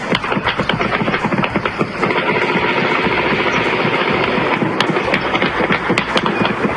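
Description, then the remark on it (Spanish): Rapid bursts of sharp gunfire crackle over a constant loud, rumbling roar, the shots thick at the start, thinning mid-clip, then returning in quick succession toward the end, during an attack on the police substation at El Crucero de Pandiguando, El Tambo municipality, Cauca department. “Mire, no sé si alcanzó a escuchar, Leonardo, el sonido de los proyectiles, lo cerca que pasan de las personas.”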